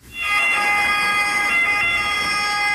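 An ambulance siren wails steadily, a loud, piercing tone with bright harmonics that holds without pause for the whole stretch, over a faint low rumble of road noise.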